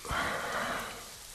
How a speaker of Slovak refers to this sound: Prší.